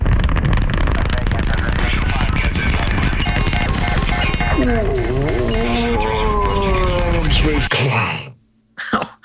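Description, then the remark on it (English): A loud, sustained roaring crash representing the Soviet probe Luna 15 crashing into the moon, thick rumbling noise with warbling, sliding tones, cutting off abruptly near the end before one short final burst. “No, that was crashing into the moon, which is something that the Soviet Union did with Luna 15, a probe designed not to crash into the moon, but that did it on the same day”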